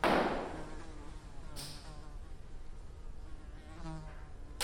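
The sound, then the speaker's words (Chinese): A housefly buzzes continuously in Dali, China, its droning hum wavering in pitch as it moves around, with a brief knock at the start and no one speaking. “你们大理就是一个大农村，有苍蝇多正常呀！”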